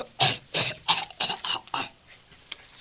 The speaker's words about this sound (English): I need something to stop this cough.